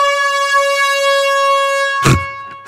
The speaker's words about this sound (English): And now we had an air horn today. Yeah, not quite the right one. Not quite right either, but hey.